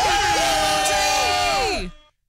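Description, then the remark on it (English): Several hosts scream and cheer excitedly at once, loud, with overlapping high-pitched voices holding for about two seconds before breaking off. “I couldn't hear it. We were screaming.”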